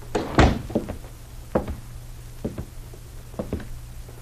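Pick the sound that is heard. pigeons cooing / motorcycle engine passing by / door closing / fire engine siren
door closing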